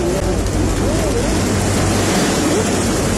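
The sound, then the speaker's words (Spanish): A loud, continuous roar of rushing mudflow floodwater in Iquique, sweeping away about four cars, steady, with faint indistinct voices buried beneath the churning noise. “Urgente, nos llegan más videos del aluvión que está afectando la economía.”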